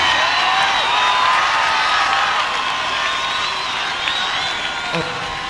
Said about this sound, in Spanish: ¡Fuerte aplauso!